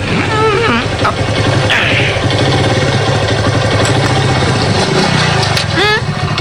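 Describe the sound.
A motorcycle engine idles with a steady, continuous rumble throughout, while voices talk briefly over the noise near the start and end.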